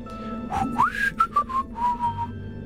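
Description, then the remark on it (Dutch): A person whistles a short melodic phrase as a hint to a quiz question about a film, several clear rising and sustained notes in a lively rhythm, fairly loud, with a low steady hum underneath and no talking. “Oh, fluitje, je geeft al een hint.”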